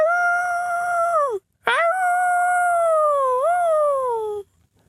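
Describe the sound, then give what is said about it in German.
A man imitates a wolf with two long, loud howls, the first breaking off briefly before a second, longer howl rises, wavers and slides down to fade out. “Und wieder heult er wie ein Wolf.”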